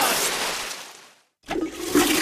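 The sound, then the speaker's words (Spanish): A toilet flushes with a loud rushing swirl of water that fades out, then after a brief silence the tank begins refilling with a steady hiss and trickle. “¿Lo has oído? Es el sonido del alivio, el momento en que todo vuelve a la normalidad.”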